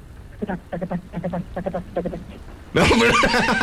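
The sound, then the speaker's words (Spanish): A horse's frantic whinny, voiced by a person: a run of quick, shaky nickering pulses that bursts into a loud, harsh, drawn-out neigh at the end, prominent. “Y es que en un rancho muy conocido y famoso allá por Aldama, Tamaulipas, en una noche lluviosa, a lo lejos se escuchaba el relinchar desesperado de un caballo.”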